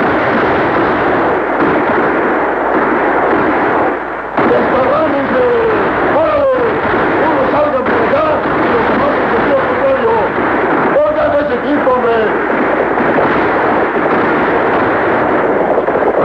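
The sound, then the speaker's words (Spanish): Gunshots crackle and boom through a loud, unbroken din for the whole stretch, with sharper cracks now and then and voices shouting and crying out. Outlaws on horseback fire in every direction during a surprise attack while people take cover behind water troughs and doors. “Sin embargo, los forajidos dominan la situación desde sus caballos disparando a diestra y siniestra.”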